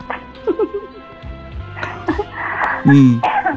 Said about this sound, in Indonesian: Batuk aja.